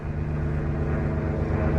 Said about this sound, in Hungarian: Délután repülőgépek is felszálltak. Repülőgép.